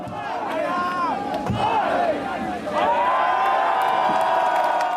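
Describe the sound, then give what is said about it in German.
A large crowd at the Erlanger Bergkirchweih shouts and counts along loudly as two sharp wooden mallet blows tap a beer keg, cutting through the roar before the cheering swells and holds steady. “Das Publikum zählt mit.”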